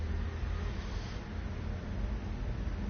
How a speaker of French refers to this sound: Deux voitures.